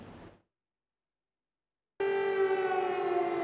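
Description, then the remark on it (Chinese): An air raid siren in Russia's Kursk region, on the Russia–Ukraine border, bursts in after a brief lull during Russian State Duma election voting, amid frequent Ukrainian drone attacks. It holds a loud, steady, droning wail, its rich harmonic tone sustained without break to the end. “俄罗斯国家杜马选举投票在19日进入到了第二天，部分地区持续响起了防空警报。”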